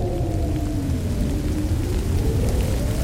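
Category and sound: nature, rain starting to fall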